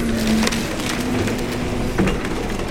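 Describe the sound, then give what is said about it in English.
Splintering wood and crunching debris from a destroyed house being loaded into a dump truck, steady and loud, with sharper cracks at about half a second and two seconds over a low, constant engine hum. “This is what it sounds like when a destroyed house is loaded into a dump truck.”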